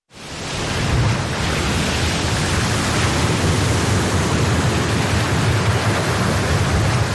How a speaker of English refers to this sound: In seconds, waves out at sea can swamp your boat.